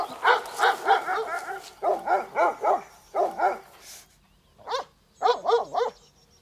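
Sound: livestock guardian dogs barking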